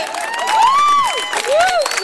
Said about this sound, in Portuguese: Mais uma vez, obrigado vocês. Uma salva de palmas, vocês foram foda. Obrigado, gente.